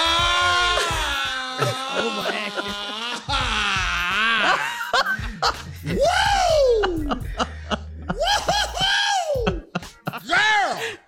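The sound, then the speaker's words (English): A voice lets out a series of loud, strained primal screams and guttural wails, pitch swooping up and down in bleat-like bursts, with brief laughter-like sounds between them, intense, on the Steve Harvey Morning Show. “You're going to have to let out some primal screams or some guttural sounds.”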